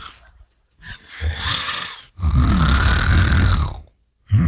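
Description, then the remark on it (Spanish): A man snores loudly while dozing off in the third pew of a church, with long rattling inhales and breathy exhales in a slow rhythm, separated by brief pauses and starting up again at the end. “La flaca se le desacomodaba, pero él no paraba de roncar.”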